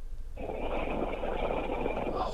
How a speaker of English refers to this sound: She's snoring. She's gone to sleep. I can hear us in the background,